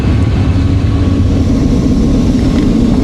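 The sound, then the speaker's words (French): A loud, steady roar of military combat jet engines as the aircraft fly in formation during an exercise, making 90-degree turns and gathering into a line, continuous with heavy low rumble and no pauses or voices throughout. “Alors c'est assez impressionnant, on fait des virages à 90 degrés et on voit les avions autour de nous qui se rassemblent et on s'est tous mis en file.”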